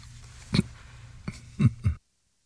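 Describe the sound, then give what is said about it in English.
A sleeping dog, Wally, gives a few soft, muffled woofs and whimpers while restlessly sleeping in his bed, four short, uneven bursts over a low background hum, then everything falls silent. “The dog is whimpering, woof, woof, woof, woof.”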